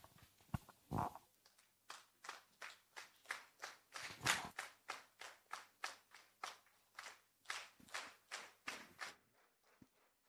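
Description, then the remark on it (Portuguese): Members of the Niassa Provincial Assembly, standing, applaud in steady unison on the first day of the assembly's third ordinary session, loud claps in an even, quick rhythm for about nine seconds before stopping abruptly. A few heavier thuds punctuate the start. “É assim, estimado ouvinte, neste preciso momento, os membros da Assembleia Provincial estão de pé, aplaudindo este que foi o primeiro dia dos trabalhos da terceira sessão ordinária deste órgão de fiscalização provincial”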